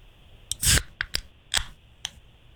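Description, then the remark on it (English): A warm beverage can, either beer or soda, being cracked open in a guessing game: a loud, crisp pop with a brief fizzy burst, followed by several sharper tab clicks spaced irregularly, with no talking. “here comes can number one, but you have to tell us suds or soda.”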